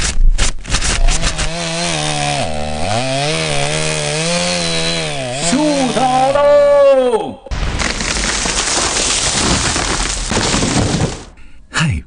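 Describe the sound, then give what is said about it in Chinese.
A chainsaw roars as it cuts, its engine pitch rising and dipping, then breaks off into a loud, sustained crackling crash of a large tree falling for several seconds. “每次抽纸的背后都有电锯和大树倒下的声音。”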